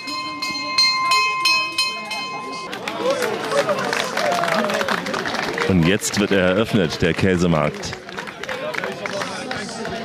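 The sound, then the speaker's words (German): A bell rings in a quick run of repeated strikes for a few seconds to open a cheese market, then stops as a crowd murmurs and cheers, with a voice announcing over the lively bustle. “Die Glocke hat geschlagen.”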